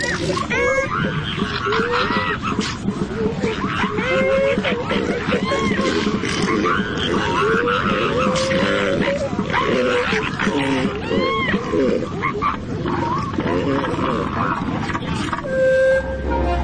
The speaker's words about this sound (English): The flatulent sound is coming from the elephant seal's nose as he clears it of sand.